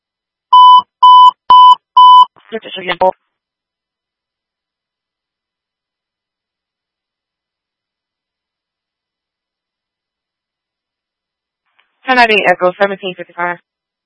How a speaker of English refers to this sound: Okay, that's the phone.